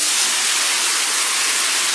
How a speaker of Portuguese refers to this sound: Pode até parecer barulho de chuva, mas se chama desperdício. Um chuveiro ligado gasta, em média, 12 litros de água por minuto.